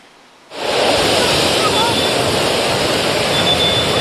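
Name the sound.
sea waves and wind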